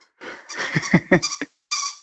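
A squeaky toy being squeezed in quick, uneven bursts, fairly loud, with a short pause before a final squeak; a small dog is playing with it in the background, and no one speaks.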